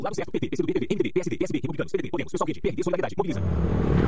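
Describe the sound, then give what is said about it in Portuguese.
A man talks steadily for a few seconds, then a loud, rough motorcycle roar cuts in and fills the end. “Amor, ouviu essa moto?”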